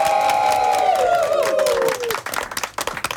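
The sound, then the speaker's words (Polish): A sustained, slightly sliding chord sung by Kolegium Bakalarum, an amateur choir from Olsztyn, fades out, then an audience at Myśliwiecka 3/5/7 breaks into dense, steady clapping that fills the last second or so. “Wielkie brawa, dziękujemy.”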